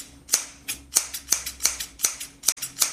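A pair of scissors snips quickly and steadily through towels, about nine crisp metallic cuts in a row with a faint hum underneath and no voices.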